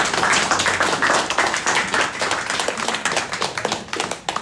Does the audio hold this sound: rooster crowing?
no